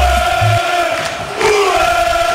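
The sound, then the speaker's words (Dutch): A loud, sustained crowd roar of Club Brugge football supporters celebrating the Belgian championship, with sustained pitched chanting voices holding steady notes over a dense wash of cheering, no individual speech standing out. “De supporters van Club Brugge, of moet ik zeggen, de kampioenen van de Belgique.”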